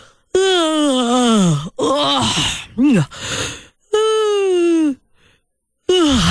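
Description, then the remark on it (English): A person yawns loudly, long voiced groaning breaths that slide downward in pitch, followed by shorter breathy sounds and another drawn-out yawn, with a brief pause before a final one begins. “Are you yawning right now?”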